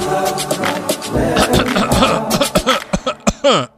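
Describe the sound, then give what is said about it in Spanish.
Strange, strained coughing: a run of short, rough bursts that speed up into choppy hacks, ending in a drawn-out, wavering vocal rasp, loud and layered over a dense, busy background. “Eso no son gárgaras, eso son toses raras.”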